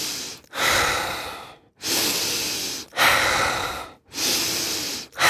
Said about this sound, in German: ich kann es ja mal kurz vormachen, was hier so eine typische Frequenz ist, wie wir das machen bei diesen aktiven Atmen.